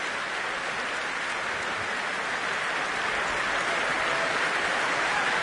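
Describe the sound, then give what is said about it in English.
Sustained applause from a large concert audience at the Proms after a performance of Poulenc's Double Concerto, as conductor Kazuki Yamada brings the orchestra to its feet: a dense, even wash of clapping that holds steady throughout with no voices rising above it. “The orchestra brought to its feet by Kazuki Yamada.”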